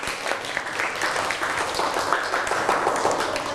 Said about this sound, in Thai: เอาปรบมือให้เพื่อนนะครับ